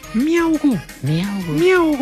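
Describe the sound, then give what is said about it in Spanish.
A human voice mimics a kitten's meow while telling a children's joke about a kitten in the water, in a few drawn-out, rising-and-falling cries, fairly loud, with no other sounds around it. “Que estaba un gatico en el agua y comenzó el gatico...”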